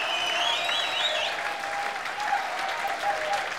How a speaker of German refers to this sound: Der Meini hat sich jetzt einmal einen Applaus verdient. Dankeschön für das wunderbare Jubiläumsfest.